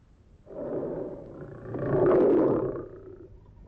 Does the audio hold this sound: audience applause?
no